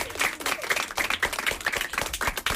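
A crowd applauds with dense, rapid clapping that stays steady and fairly loud for the whole stretch, with no voices over it.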